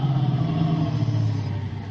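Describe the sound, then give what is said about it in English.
A car engine hums steadily, its low drone easing down in pitch and loudness as the car pulls up beside another parked car and stops. No one speaks. “Pull up by him”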